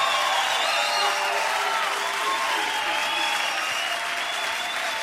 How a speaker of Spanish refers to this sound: ¡Fuerte aplauso, señor!